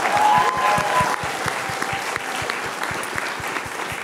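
A crowd applauds steadily for about four seconds, a dense wash of many hands clapping at an even loudness, with a faint whistle-like tone near the start and no talking over it.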